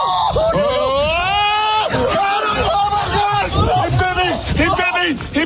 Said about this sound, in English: Now, the guy you hear screaming like a little girl was bitten on the leg. He was wearing short pants, and he got bitten on the leg by the raccoon. He had to go to the hospital for treatment.